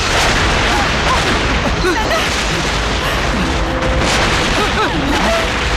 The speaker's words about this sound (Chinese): 奶奶， 共军的总攻开始了。 总攻，这是总攻的炮声